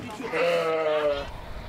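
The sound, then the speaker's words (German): A sheep from a flock being driven along a path toward a bridge over an expressway lets out one loud, wavering bleat lasting about a second, over a steady outdoor rumble of background noise. “Gleich muss die Herde über eine Brücke, die eine Schnellstraße quert. Wenn die Schafe hier vom Weg abkommen, dann wird's gefährlich.”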